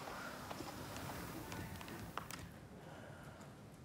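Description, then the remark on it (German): The hooves of Lissy, a Friesian mare, walking as a personnel consultant with much effort gets her moving: a handful of uneven clops spread over a few seconds against a steady rushing outdoor background, not loud. “Nur mit viel Mühe gelingt es ihm schließlich, Lissy in Bewegung zu setzen.”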